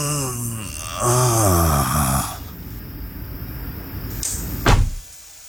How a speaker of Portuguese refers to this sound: Fecha a porta como um velho a fazer força.